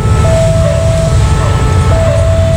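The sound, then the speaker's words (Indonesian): A train rumbles past a railroad crossing, its heavy low roar filling the scene while a steady, high warning tone sounds on and off above it, loud. “Ah, lama sih kamu, keburu lewat kan kereta apinya.”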